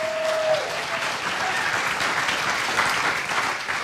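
An audience at a KAXE listening party at Co House in Grand Rapids claps steadily at the end of side A, a dense, even wash of applause that holds its level for several seconds, with a brief faint tone fading out near the start.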